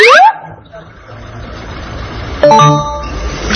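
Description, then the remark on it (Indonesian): Bustling bus terminal ambience: a steady rumble of idling engines and traffic, a brief rising tonal sweep at the start, then a loud, sustained horn blast rings out near the end. “Masya Allah, kita ada di terminal bus. Terminal bus. Terminal bus.”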